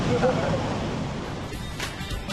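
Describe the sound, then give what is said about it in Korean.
Rough ocean surf at Cabo da Roca, known for cold water and rough waves, churns in a continuous, loud roar with a heavy low rumble and hissing spray, steady throughout without distinct breaks between waves. “호카곳은 수온이 낮고 파도가 거칠기로 유명합니다.”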